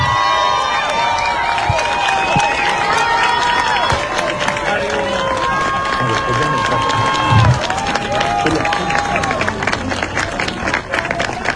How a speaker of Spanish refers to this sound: Les brindamos un fuerte aplauso a quienes han recibido estos reconocimientos. Una vez más, por favor, que se escuche el aplauso de todas y todos los asistentes.